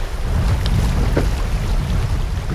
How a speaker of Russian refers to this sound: Наш плот обгоняют любители сплава на байдарках, вызывая волны, на которых покачивается наше плавсредство. Вода бьется об борт.